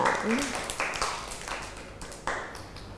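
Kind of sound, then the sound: crowd, children clapping applause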